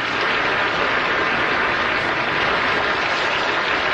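Steady, dense applause from an audience fills the whole stretch, a loud continuous wash of clapping with no pauses and no voices rising above it.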